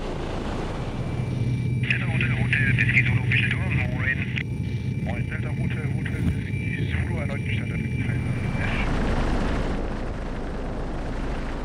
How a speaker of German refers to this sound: Kurz nach 14 Uhr verlässt der Hubschrauber den Startplatz im Industriegebiet Kaisersesch.